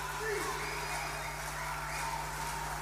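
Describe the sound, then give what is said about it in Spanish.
An audience applauds the Ballet Folclórico Municipal and its musicians after their work "Chiloé, magia isleña", in a dense, steady wash of clapping that holds at an even loudness throughout, with a faint low hum and murmuring crowd noise underneath. “Un fuerte aplauso nuevamente para nuestro gran Ballet Municipal.”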